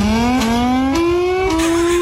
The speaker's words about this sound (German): Ich habe gerade mal ein bisschen recherchiert, in den USA zum Beispiel, da klingt die Sirene wie so ein Starterfeld von Formel-1-Rennen.